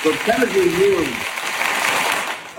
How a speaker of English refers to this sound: Look, you even got some hand claps.